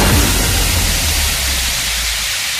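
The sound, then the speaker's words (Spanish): A jet ski engine revs loudly, a deep throaty roar over a wash of hissing spray that settles into a steady drone for a couple of seconds, on a jet ski trip from the Guardamar marina to Tabarca island with Iniciativas FIE. “Vive una auténtica aventura y viaja a la isla en moto acuática desde el puerto deportivo de Guardamar con Iniciativas FIE.”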